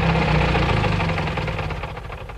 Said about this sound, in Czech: Auto jede smíchovskými ulicemi, až zastaví před krámem.